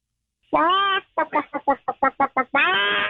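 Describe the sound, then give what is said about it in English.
A voice imitates a chicken clucking: a drawn-out squawk, a quick run of about eight short, choppy clucks, then another long squawk, loud with no other sound around it. “That's a chicken.”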